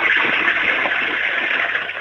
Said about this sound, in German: Die ist ja voll laut. Deine Klospülung. Du, da kann man aber ordentlich reingaxen in dieses Klo, oder? Und trotzdem kann man alles runterspülen.